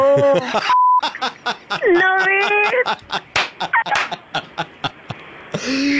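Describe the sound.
A short, steady censor bleep tone over swearing during a Radio Mirchi call cuts in early, surrounded by heated, rapid talking punctuated by sharp clicks and claps.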